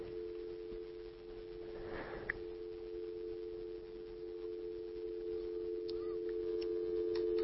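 A steady, unbroken telephone line tone hums throughout on a phone that seems not to be working, clear and constant, with a brief breathy rustle partway through and a few faint clicks near the end.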